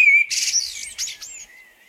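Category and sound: bird, blackbird whistling song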